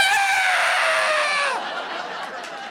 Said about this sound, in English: So now when I make an old man noise, I celebrate it. I lean into it. I make the old manniest noise I can. Oh, I get out of a chair now.